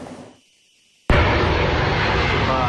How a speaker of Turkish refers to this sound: Amerika Birleşik Devletleri ordusuna ait C-17 kargo uçağı Moskova semalarında göründü. Sosyal medyada hızla yayılan görüntülerde uçağın içinde kim olduğu tartışılmaya başlandı.